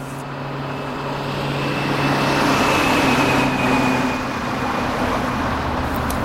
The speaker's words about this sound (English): Why do they keep feeding street noises into the sound system? We haven't had street traffic in 3 generations. They say it keeps people awake and aware.